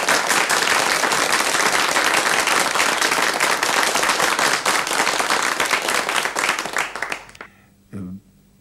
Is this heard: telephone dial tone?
no